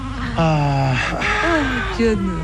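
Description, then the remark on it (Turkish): A teething baby boy cries in a few loud, drawn-out wails with wavering pitch, one after another over a couple of seconds. “Canım, güzel oğlum. Bak ağlama.”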